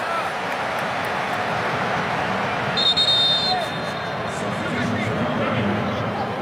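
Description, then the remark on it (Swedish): A referee at a football match against Cape Verde blows his whistle intensely, one sharp, high-pitched blast lasting under a second, cutting through the steady roar of a stadium crowd. “Domaren, ni hör hur intensivt han blåser i sin pipa.”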